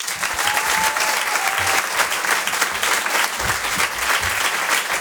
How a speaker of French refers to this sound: Je vous demande de réserver un tonnerre d'applaudissements, s'il vous plaît, à Patson.